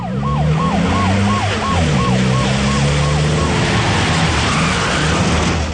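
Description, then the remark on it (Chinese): A distant police siren, from patrol police rushing to the scene, yelps in quick, repeating rising-and-falling cycles, then fades out after a few seconds, over a constant low rumble of engine and traffic noise. “远远地传来了警笛声。”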